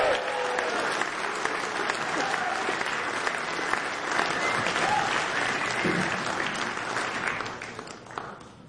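An audience claps steadily in a dense, sustained round of applause for several seconds, with a few faint voices in the crowd, before the clapping tapers off toward the end.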